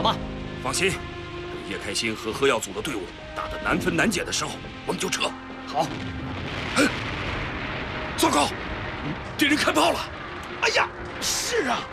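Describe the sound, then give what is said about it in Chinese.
Firecrackers bought up from the streets of Xiaoshan crackle and bang inside households' iron buckets brought up a mountain, a loud, irregular string of sharp pops that sounds like machine-gun fire, with people talking and shouting underneath. “萧山街上的鞭炮都给我们买光了，家家户户的铁皮桶也都拿上山来了，一个铁皮桶就是一挺机枪啊，谁不怕呀？”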